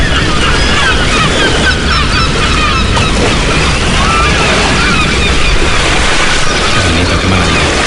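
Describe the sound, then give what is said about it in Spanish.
A loud, unbroken roar of wind and crashing sea waves from a storm rising in the distance beyond the breakwater of the port of Malpica, A Coruña, Galicia, Spain, with gulls calling repeatedly over the top and no voices. “Aquí dentro, entre detrás del espigón, el agua está tranquila, las gaviotas gritan tranquilas y al fondo se está levantando un temporal.”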